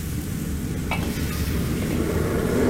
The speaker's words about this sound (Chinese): 加入蚝油10克，加入红豆酱10克。加入适量的老抽调色，酱料下锅之后继续翻炒1分钟，炒至上色。